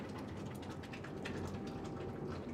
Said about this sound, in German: So, und jetzt muss ich mal gucken, sonst läuft mir der Kübel über. Gleich nebenan fließt das Zink über eine Rinne in einen Kübel.